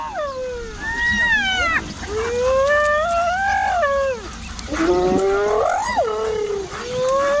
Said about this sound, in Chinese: 猎狗的这种叫声是在传递信号，它们通过灵敏的嗅觉寻找食物，这激动的叫声表明它们有所发现。